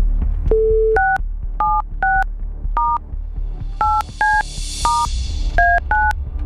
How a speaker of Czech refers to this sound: Tak, telefon vytočen. Teď doufám jenom, že nevytočím dotyčného nebo dotyčnou.